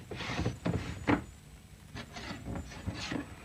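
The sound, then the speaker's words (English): A wooden desk drawer is pulled open with a few rough scraping slides and light knocks, stopping and starting unevenly. No one speaks. “It's right here in my drawer.”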